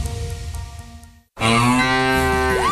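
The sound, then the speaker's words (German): A mooing sound in a Müllermilch advertisement, the moo of the winning Müllermilch bottle: a loud, steady lowing call, a brief pause, then a louder, drawn-out moo that rises in pitch toward the end. No one speaks. “So klingt es, wenn du 50.000 Euro gewinnst. Letzte Chance. Finde die letzte Muhende Müllermilchflasche”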